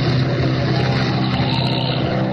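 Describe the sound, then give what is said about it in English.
A loud, steady airplane engine drone hums continuously with a low throbbing tone and a broad rushing hiss over it, like wind buffeting the aircraft, as the plane circles in a worsening storm. No voices are heard. “Storm's getting worse by the minute. We just have to circle for a while.”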